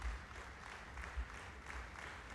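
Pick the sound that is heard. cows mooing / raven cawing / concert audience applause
concert audience applause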